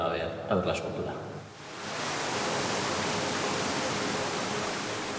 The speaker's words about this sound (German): Um das Meer auch zu hören, simuliert hochgepumptes Wasser die Brandung der baskischen Küste.